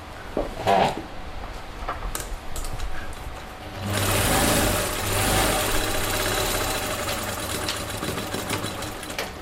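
A sewing machine in a colourfully decorated fashion salon in the fourth district, specialising in fashion from African fabrics, whirs steadily, starting with a few light clicks and taps before the motor kicks in at around four seconds and hums on in a fast, even, mechanical rattle.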